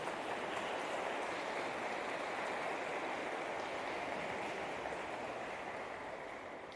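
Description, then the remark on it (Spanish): An audience at Holy Mass breaks into dense, sustained applause for a couple celebrating 56 years of marriage, a steady wash of many hands clapping together for about seven seconds before easing off slightly at the end, with no voices heard. “Les damos un fuerte aplauso, felicidades.”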